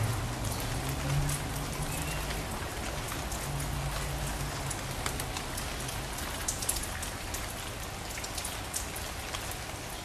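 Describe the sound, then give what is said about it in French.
Steady rain patters on the roof of a prison in Rennes on a rainy day, a dense, continuous hiss of drops with scattered sharper taps, fairly loud, with a low rumble underneath and no voices. “prise de son sur le toit de la prison. Jour de pluie.”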